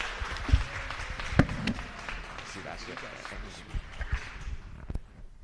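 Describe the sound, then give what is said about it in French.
A church audience claps steadily to applaud the Holy Spirit of God, a dense patter of many hands, with a voice speaking over it and a few sharper claps standing out. “Donc nous demandons que toute l'église là campée n'a pas applaudi le Saint-Esprit de Dieu qui voyait serviteur à bas nous-mêmes pour prêcher l'évangile.”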